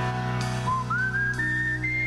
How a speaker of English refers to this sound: the most best ever whistling song in the history of whistling songs.